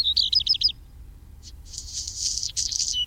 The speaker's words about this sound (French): Son cousin, le rouge-queue noir, est présent aussi, on l'entend régulièrement.